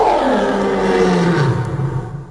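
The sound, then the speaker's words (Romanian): A lion lets out a single loud, rumbling roar that fills the whole moment, deep and gravelly, then slowly trails off toward the end, with no voices. “Leu, leu.”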